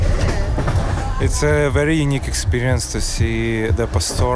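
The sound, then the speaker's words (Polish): Steady rumble of a moving train carriage in Poland, bound for Kraków Główny station, fills the background, with wheel noise running continuously beneath a prominent singing or chanting voice from a live performance on the train that enters partway through. “To naprawdę niesamowite móc zobaczyć na żywo coś tak uduchowionego w pociągu.”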